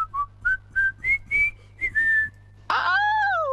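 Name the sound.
whistling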